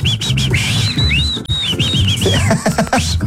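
A person whistles with their lips, a fairly loud tune of sliding, wavering high notes that carries on for several seconds over a low rumbling background.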